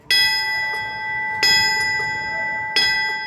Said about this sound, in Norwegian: Bjelleklangen, den er til minne om brannmannskapene som rykket ut etter angrepet på World Trade Center i New York.